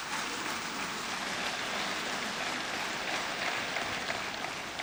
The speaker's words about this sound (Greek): κανένα οπλικό σύστημα, όσο σύγχρονο και αν είναι, μεγάλο ή μικρό, δεν έχει αξία χωρίς τις γυναίκες και τους άντρες των ενόπλων δυνάμεων, τους ενστόλους μας, για τους οποίους παρακαλώ να επιφυλάξετε το πιο θερμό σας χειροκρότημα.